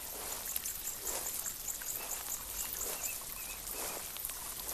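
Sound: river water flowing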